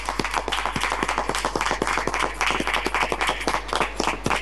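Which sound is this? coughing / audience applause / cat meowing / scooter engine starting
audience applause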